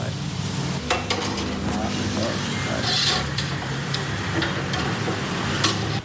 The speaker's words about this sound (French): Voilà, et les autres aussi, les calmars, les crevettes, sont maintenant à la braise qui est vive. Hein. Il y a même des flammes, là. Ah oui, oui, parce qu'avec l'huile de coco qui tombe sur la braise.